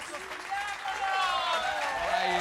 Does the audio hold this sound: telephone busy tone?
no